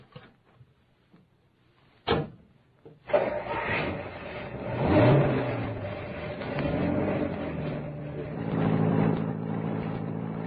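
A door thuds shut, then a car engine starts up and revs, its drone rising and swelling over several seconds, steady with no voices.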